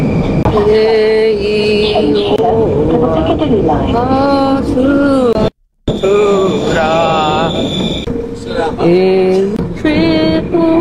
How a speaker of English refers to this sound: That was her singing on the national anthem on the train, and I've got secondhand embarrassment from that.